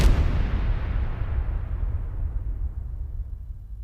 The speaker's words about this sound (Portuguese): O fogo de artifício dura 3 minutos.